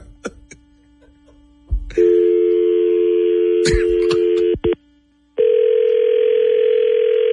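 A few quick clicks of telephone dialing, then a loud, steady ringing tone that holds for a few seconds, cuts off briefly, and starts again. No one speaks.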